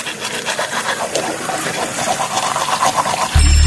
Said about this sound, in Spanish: Si dejas el grifo abierto mientras te cepillas o te lavas la cara, desperdicias más de 10 litros de agua.